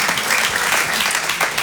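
A crowd claps steadily, a dense, even wash of many hands with no pauses, loud and sustained throughout the short stretch.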